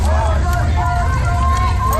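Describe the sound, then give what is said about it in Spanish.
A dense crowd of protesters against the presence of ICE roars with overlapping shouting voices, chanting lines like "whose streets, our streets", a loud continuous hubbub of many people yelling at once, with no single voice standing out. “Protestas contra la presencia del ICE con gritos como de quién son estas calles, nuestras calles.”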